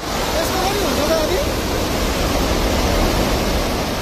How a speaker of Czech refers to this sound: Voda sebou během desítek vteřin vzala úplně všechno, co jí stálo v cestě. Auta, autobusy a dokonce i celé domy. Za nárůst pravděpodobně mohl odtržený kus ledovce.